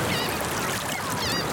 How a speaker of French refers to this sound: Le soleil se lève, les oiseaux se réveillent.